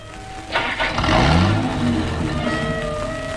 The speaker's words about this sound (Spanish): El auto reanuda la marcha.